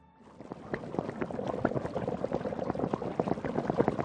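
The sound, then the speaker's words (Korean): Water bubbling at a rolling boil in a pot for cooking ramen, a steady stream of irregular pops and gurgles that starts softly and quickly builds, with no voices. “끓는다. 라면 넣을까? 어디 보자. 물이 좀 많네.”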